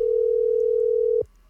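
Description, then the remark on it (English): A telephone ringback tone on an outgoing call to contest winners: one steady, clear electronic tone lasting just over a second, then cutting off into quiet line hiss. “It's definitely ringing.”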